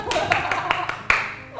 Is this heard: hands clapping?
yes